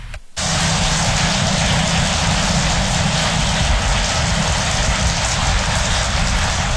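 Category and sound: nature, heavy rain pouring down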